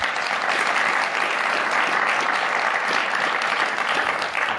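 A crowd applauds steadily, a dense, even wash of many hands clapping at once, holding a constant loud level for the whole stretch without a break or any voices.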